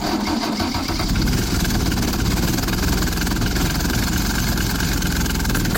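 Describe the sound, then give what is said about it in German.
The Daimler-Benz diesel engine of a historic minibus idles steadily, a loud, low, rough chugging that stays constant throughout with a faint knocking rattle, no voices present. “Das ist eine sogenannte Bergziege. Also einer dieser historischen Busse mit Daimler-Benz-Diesel.”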